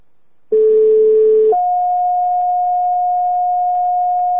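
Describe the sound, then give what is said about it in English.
A Central West Fire Department dispatch paging tone for a smoke detector alarm at a residence: a loud, steady low tone for about a second, then a higher sustained tone holding for several seconds, with no talking. “Your fire department was paged 200 Hollow for a fire alarm off at a residence.”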